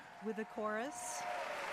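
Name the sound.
opera audience applause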